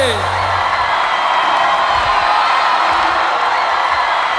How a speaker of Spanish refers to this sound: Que se escuche el aplauso a Rey Gregorio. Sí, señor. ¡Fuerte!